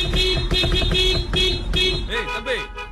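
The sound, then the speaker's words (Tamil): A car horn honks loudly in traffic, trying to clear it, in a rapid series of short, insistent blasts, followed by a few wavering, rising-and-falling tones near the end. “இப்ப பாருங்க, நான் அடிக்கிற ஹார்ன்ல டிராபிக் ஆட்டோமேட்டிக்கா கிளியர் ஆயிரும்.”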